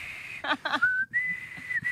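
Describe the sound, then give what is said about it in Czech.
A person whistles, holding long clear notes that slide upward and settle into a steady pitch, with a couple of brief voiced sounds cutting in early on. “Je důležitý se dozvědět, že tady obě kolegyně umí pískat, takže vás určitě využiju.”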